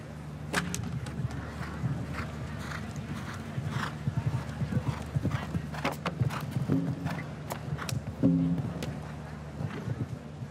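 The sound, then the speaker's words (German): Horse hooves thud irregularly across a show-jumping course as the horse slips slightly and puts a hoof into the ditch, a string of sharp clip-clop hits of uneven rhythm over a steady low hum, with faint murmuring voices in the background. “Unsicherheit des Pferdes hier führte zum leichten Abrutschen und Einhufen im Graben, deshalb die 4 Punkte.”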